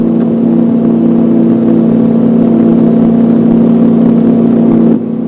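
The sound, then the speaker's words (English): A car engine runs loudly and steadily in a garage with its wheels spinning in reverse, trying to take miles off the odometer, a constant droning hum that holds without change for about five seconds before cutting off abruptly. No voices. “The miles aren't coming off, going in reverse.”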